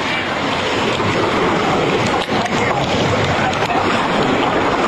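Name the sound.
rushing floodwater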